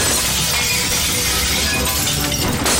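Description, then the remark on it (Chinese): Glass smashes and shatters loudly, a dense, bright burst of breaking shards that crackles and tinkles continuously for a few seconds, without any voices. “玻璃砸了！”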